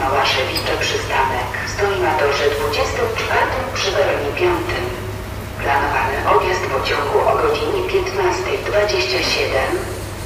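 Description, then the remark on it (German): Railway platform ambience at Berlin-Lichtenberg station: a steady low rumble and hum, clattering and scraping, and murmuring voices blending into a continuous, fairly loud wash throughout, with crows flying over the platforms and rubbish bins being emptied on the other track. “Die Krähen schwingen hier ihre Flügel über die Bahnsteige. Auf dem anderen Gleis werden gerade die Mülleimer leer gemacht.”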